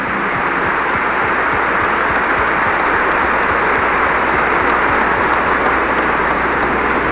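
A large crowd applauds children at a Catholic prayer service, steady dense overlapping clapping at an even, fairly loud level for several seconds without a break, with no voices heard over it.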